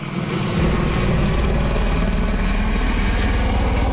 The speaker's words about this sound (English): Helicopters drop water on flames near Oslo, Norway, as they burn through a neighborhood. More than 100 homes have been destroyed. Hundreds of people had to flee as the fire moved in from a nearby forest.